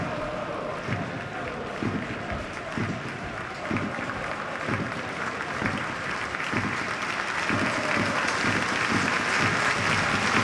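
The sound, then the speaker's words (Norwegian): A large stadium crowd at a football match applauds steadily as substituted player Jens Hjertedal leaves the pitch, a broad wash of clapping with faint rhythmic claps pulsing underneath and the applause swelling slightly toward the end. “Jens Hjertedal klappes av banen, som akkurat mottok kapteinspinnet.”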